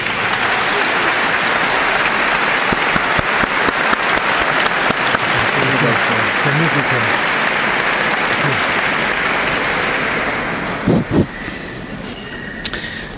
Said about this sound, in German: Danken möchte ich noch, vielleicht die letzte Gelegenheit, der Band, die hat schon abgebaut, die uns am Nachmittag begleitet hat, dann dem Chor und Orchester, das uns jetzt noch durch die Anbetung begleiten wird. Einen kräftigen Applaus bitte.